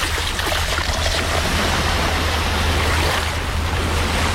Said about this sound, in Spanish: Dejemos el sonido de mar.